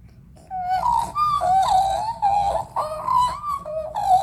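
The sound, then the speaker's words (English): A person imitates an Australian magpie's call with warbling, gliding, fluting notes that rise and fall in quick connected phrases for about four seconds, fairly loud over a low background rumble. “Do you think we could get a bit of a magpie call?”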